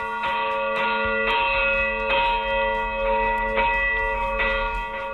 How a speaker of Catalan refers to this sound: En definitiva, és un dels punts del nostre territori des d'on encara es pot gaudir del toc manual de les campanes.